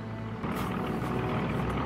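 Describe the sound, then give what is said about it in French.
A steady, loud drone of American airplane engines overhead, descending low, a continuous low rumble that swells slightly after the first moment, with no voices. “On entend déjà les avions.”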